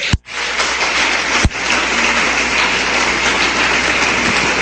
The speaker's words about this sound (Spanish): Ahora mire, den un aplauso fuerte al Señor.